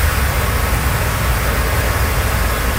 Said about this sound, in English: Motors drive over a flooded road on southern Cape Breton. Several parts of the island have been battered by heavy rain and high winds.